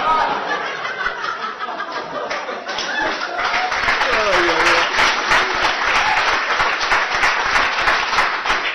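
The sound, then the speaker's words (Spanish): A crowd applauds steadily for several seconds, a dense, loud wash of clapping with scattered laughter and a few voices rising through it. “Dígame, usted, porque la gente lo aplaude, se piensa que yo le voy a creer eso.”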